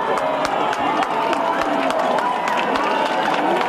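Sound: crowd cheering and shouting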